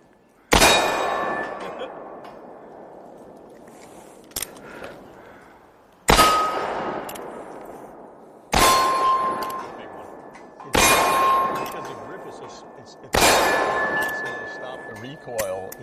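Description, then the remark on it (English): Five loud gunshots, five rounds fired, the first alone and the rest a few seconds apart, each hitting and followed by a bright metallic ring of steel targets that lingers and fades slowly. “Did I fire five rounds or six?”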